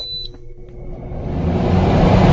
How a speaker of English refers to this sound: AC ran all night. Really? Oh, I actually feel cooler just with that little beep sound there.